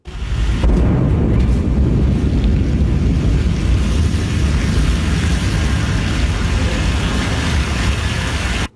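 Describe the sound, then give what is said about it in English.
A Blue Origin New Glenn rocket explodes into a fireball during a late-night launch pad test in the US, recorded by a nearby witness: a loud, deep, sustained rumbling roar that starts abruptly and rolls on for several seconds with no voices. “A Blue Origin rocket has exploded into a fireball during a late-night US launch pad test, shaking nearby homes.”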